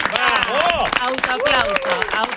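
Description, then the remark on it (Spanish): Steady clapping from a small group rings out beneath loud overlapping voices, the hand claps crisp and continuous throughout the short burst of applause, welcoming guest Clara Ulrich as she arrives. “Como corresponde a la señora Clara Ulrich, que viene, fuerte el aplauso.”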